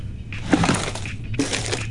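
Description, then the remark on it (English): Busy clattering and rustling of small hard objects being shoved around while someone rummages through a cluttered junk drawer looking for a passport, in two bursts with a brief lull between, and no talking. “What about my junk drawer?”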